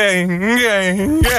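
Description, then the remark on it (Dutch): A person vocally imitates an electric racing motorbike passing by at the TT in Assen: one sustained, buzzing hum whose pitch swells and dips, then breaks off with a short, sharp rising sweep at the end. “En die man die deed elke keer als de motoren langskwamen, deed hij zo...”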